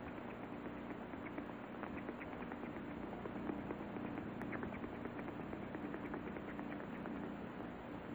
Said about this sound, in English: And the sound of termites became as much a part of that bed and that bedroom as the sound of diesel trains in the distance going ding, ding, ding, ding, ding, ding, ding, ding, ding, ding.